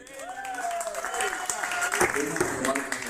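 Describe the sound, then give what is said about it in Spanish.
A crowd applauds steadily for a few seconds, the dense clapping mixed with scattered voices and cheers rising and falling over it. “que con toda amabilidad nos viene acompañando desde hace muchísimos años, así que quiero agradecerles, un aplauso.”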